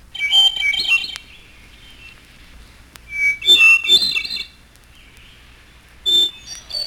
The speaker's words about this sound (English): And hermit thrush.